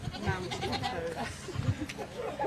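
Goats bleat in wavering, nasal calls that overlap and keep going for the whole moment, with faint background murmur beneath them, during a goat yoga class where people on mats practise mountain pose with goats around them.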